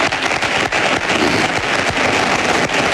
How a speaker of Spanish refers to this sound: Aplausos de el público que asiste al acto de cierre de elecciones de Florentino Pérez, que siga hablando.